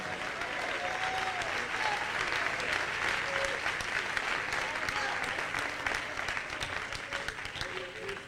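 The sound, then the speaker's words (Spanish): A church audience claps for the King (God) during an evening service, steadily for several seconds, a dense, sustained wash of many hands with faint voices and brief tonal sounds mixed underneath. “Dale palmas al Rey en esta noche.”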